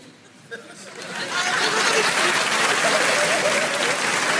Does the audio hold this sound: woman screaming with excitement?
no